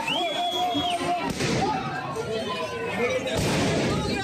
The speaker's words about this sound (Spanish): La policía no llegó a cargar, pero sí que lanzó varios disparos al aire y gas pimienta para dispersar a la multitud.